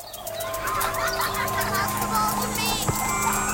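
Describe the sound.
A tinkling ice cream truck jingle plays steadily, its bright electronic melody ringing out over busy background sounds, with faint children's voices and chirpy noises mixed in.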